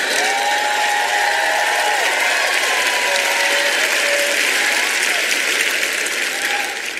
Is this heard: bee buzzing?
no